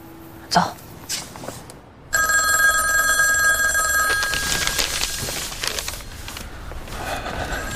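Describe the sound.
A telephone rings loudly, one sustained burst of bright, shrill bell tone lasting about two seconds after a short pause. Faint voices and room noise sit underneath.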